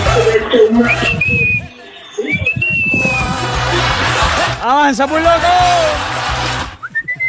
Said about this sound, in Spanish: Y ese chiflido que tiene uno ahí que se esconde abajo del asiento